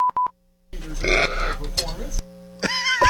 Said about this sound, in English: Yeah. What was that belch? I didn't have a burp, yeah. What? But it was like a squeal belch. Uh-huh. Listen again. It was escaping. It was like a dinosaur. Yeah, it was just an escaping burp.